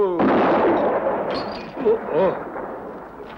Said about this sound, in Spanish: Si no tiene usted cuidado, los hombres de Hawk oirán los disparos y vendrán a buscarle.